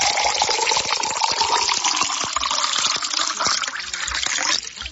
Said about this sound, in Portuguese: Agora é aquela hora importante, viu? Aquela hora que muita gente gosta de escutar esse barulhinho da água, né? É hora boa de tomar uma aguinha, né?